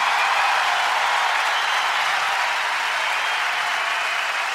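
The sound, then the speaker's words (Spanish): Sustained applause from a large audience for arranger Carlos Cutaya, a dense, steady wash of clapping that stays loud and even for several seconds with no voices rising above it. “Fuerte el aplauso para Carlos Cutaya.”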